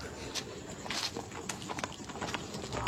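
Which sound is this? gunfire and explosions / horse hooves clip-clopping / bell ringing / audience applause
horse hooves clip-clopping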